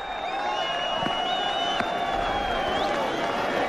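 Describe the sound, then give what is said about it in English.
A large crowd at a cricket ground applauds and cheers steadily throughout for batsman Travis Head, a dense wash of clapping spread across a wide open space, with a high whistle-like tone drifting above it. “The applause goes around the ground already for Travis Head.”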